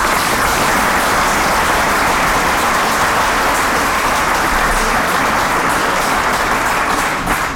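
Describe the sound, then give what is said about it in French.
An audience applauds steadily throughout, a dense, loud wash of many hands clapping at an even level with no voices rising above it. “Ainsi, permettez-moi de saluer ici, devant vous tous, le courage dont vous avez fait preuve dans la recherche de solutions toujours pragmatiques et concrètes pour garantir un service public efficace et adapté, et je pense qu'on peut vous applaudir.”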